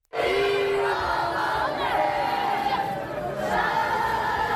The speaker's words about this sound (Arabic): دقائق من صمت بعد مغادرة ملعب الأمير مولاي الحسن في العاصمة الرباط قبل أن تردد الجماهير بشكل جماعي وبصوت عالي ديما مغرب ديما مغرب في أعقاب خسارة لبؤات الأطلسي لمباراة نصف النهائي في كأس إفريقيا للسيدات بضربات الجزاء ضد الكاميرون.